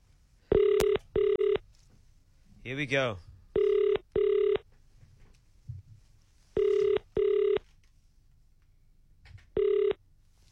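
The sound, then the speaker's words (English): An outgoing phone call placed by the KFM 94.5 radio station to a number from its WhatsApp line rings in steady double bursts, three pairs and a single tone, clear, while a man briefly speaks near the start. “Let's make a quick call.”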